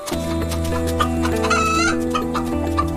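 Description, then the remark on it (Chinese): Several farm chickens cluck in short, repeated bursts, with a few higher squawking calls rising midway, all over a steady low tonal drone that runs throughout. “在这个远离狼群的地方，斯拉瓦学会了偷吃家禽。”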